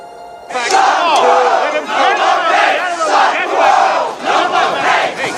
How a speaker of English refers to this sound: A crowd of newsies protests in front of the newspaper building, which is guarded by police.